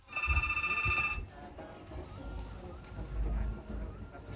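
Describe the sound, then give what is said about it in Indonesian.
A telephone on the Pro 1 line of RRI radio's Halo RRI call-in program in Kupang rings in one bright, trilling burst of a bit over a second as a caller comes on the line, then stops, leaving a low background rumble and faint noise. “Oh, sepertinya sudah ada yang bergabung di line teleponnya Pro 1.”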